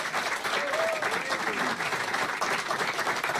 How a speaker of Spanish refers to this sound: Bueno, fuerte el aplauso, por favor, para mis amigos.